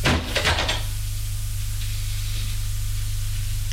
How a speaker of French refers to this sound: La gouvernante lui dit, je vous laisse. Et elle les quitte en fermant la porte.